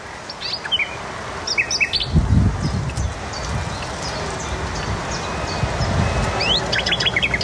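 A nightingale sings outdoors in the Noordwijk dunes in the Netherlands in bursts of varied chirps, trills and rising whistles, clear, over a steady low rush of wind or surf, with a brief rustling thump midway.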